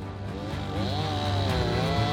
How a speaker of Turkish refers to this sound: Bu ağacı devirmemiz gerekiyor. Bir testere alıp içine bakacağız, tamam mı?